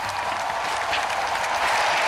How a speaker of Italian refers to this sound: Ed alziamo lo sguardo, si eleva forte anche l'applauso nella Fiera di Madrid.